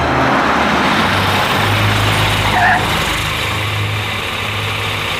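A car engine runs steadily throughout, a loud, continuous low rumble with a broad road-noise hiss on top, as if heard from inside the moving vehicle. No one speaks.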